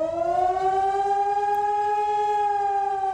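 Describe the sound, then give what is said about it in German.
A civil defense warning siren in Germany wails steadily on its own during a nationwide warning day, its pitch rising slowly and smoothly throughout, loud and sustained with no voices. “Beim bundesweiten Mahntag sollen Handys Alarm schlagen, Warn-Apps aufploppen und vielerorts auch die Sirenen heulen.”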